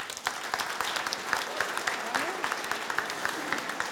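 Steady audience applause for a performance at a prize presentation fills the whole stretch, a dense wash of many hands clapping at an even level with no one speaking over it.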